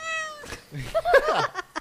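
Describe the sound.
A person on a bus mimics a cat, giving a drawn-out, wavering meow after a brief steady tone, with a few short clicks and breaths at the end. Fairly loud, with no other talk.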